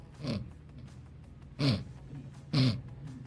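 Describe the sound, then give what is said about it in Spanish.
A man snoring: three loud, rasping snores with a low rumbling buzz and breathy hiss, spaced about a second apart with quieter breathing between them. “Sí, está roncando.”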